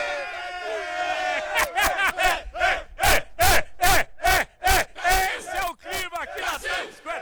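A crowd of Brazilian fans in Times Square, Manhattan, cheers and chants loudly in a steady, rhythmic pattern of shouted syllables, with bursts of noise between each beat and a held cry at the start.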